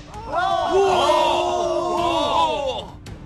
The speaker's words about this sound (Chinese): 全营官兵一片欢呼。